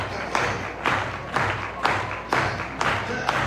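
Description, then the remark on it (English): A large Binghamton crowd on their feet at a baseball game claps in a steady, rhythmic unison beat, about two claps per second, over a continuous wash of stadium crowd noise. “Binghamton crowd on their feet, capping off a 9-game homestand.”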